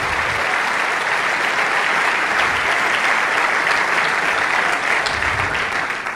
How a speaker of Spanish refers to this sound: Vamos, dale ese aplauso al Rey de Reyes. ¡Aleluya!